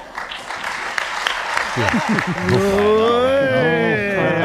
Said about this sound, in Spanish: Para aplauso desganado el que se ha llevado esta mañana el presidente del gobierno. Pedro Sánchez estaba hablando a sus diputados y no os digo más. Escuchamos el aplauso.